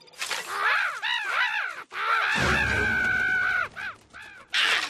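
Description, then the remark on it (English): Crows caw loudly in a rapid series of harsh, overlapping calls, with a brief rumbling, buzzing stretch in the middle before more caws follow, as a scarecrow is tested to scare them away. “Still scares the crows away.”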